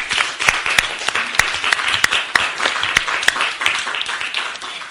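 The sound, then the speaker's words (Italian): An audience applauds a president steadily for about five seconds, a dense wash of many hands clapping with sharp individual claps popping out of the texture at a fairly even level. “Ma direi di sì, vorrei che dargli un applauso.”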